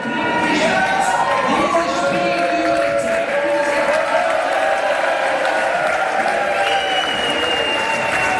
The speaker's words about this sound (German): Wir waren heute dabei beim Public Viewing im Restaurant Zickzack in Alschwil im Baselbiet. Der Jubel beim Schlusspfiff, der war gross.